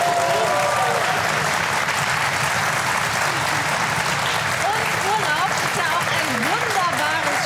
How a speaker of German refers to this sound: Das gibt noch mal einen extra Applaus, oder?